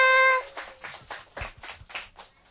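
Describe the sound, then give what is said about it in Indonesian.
A short sustained tone gives way to scattered hand clapping from a small audience, a run of soft, uneven claps lasting about two seconds. “Mana tepuk tangannya?”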